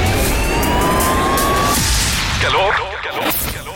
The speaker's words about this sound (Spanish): El sonido de la ciudad. Tráfico.